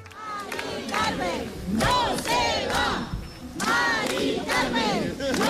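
A crowd of demonstrators cheers and shouts loudly, with clapping running underneath, voices rising in repeated swells of sustained noise, as protesters celebrate the halting of an eviction; footage from October 2025.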